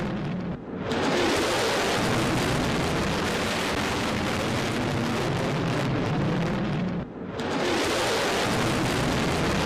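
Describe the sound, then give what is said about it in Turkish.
A B-1 bomber flies low over the ceremony area at a military base in Washington during a welcoming ceremony while the US national anthem plays. A loud, dense, rumbling jet noise fills nearly the whole clip, briefly dipping twice before surging back. No one speaks. “Törende ABD milli marşı çalınırken 2B1 bombardıman uçağı alçaktan ve büyük bir gürültüyle tören alanının üzerinden geçti.”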